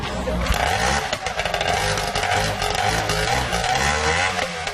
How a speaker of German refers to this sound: Inzwischen hat der Motor auch erste Lebenszeichen von sich gegeben. Da kann es also gleich aufs Wasser gehen.